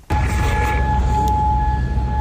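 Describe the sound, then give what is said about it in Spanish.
Air raid sirens in Kuwait hold a steady, high, unbroken tone over a low outdoor rumble, lasting the whole time, with no one speaking, sounding after an Iranian missile and drone attack on US bases in the country. “Así suenan las sirenas antiaéreas de Kuwait tras el último ataque iraní con misiles y drones contra bases estadounidenses ubicadas en el país.”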